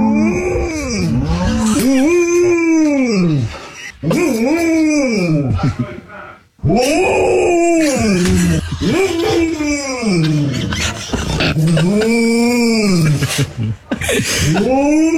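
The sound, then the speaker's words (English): A female dog in East Lothian lets out a series of long, drawn-out moaning calls that rise and fall like a cow's moo, loud, followed near the end by a short bark. “And so this is the dog who thinks she's a cow.”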